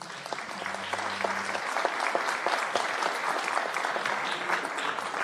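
Steady audience applause at a music festival concert as a cellist and a pianist are called to the stage to play the first piece, many hands clapping in a dense, continuous patter at moderate loudness, with a low hum briefly underneath at the start.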